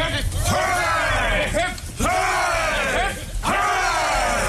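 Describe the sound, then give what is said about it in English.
A ship's crew of men cheers loudly three times in a row for Captain Smollett, each rising shout swelling and falling away in a rhythmic hip-hip-hooray pattern. “A cheer for Captain Smollett.”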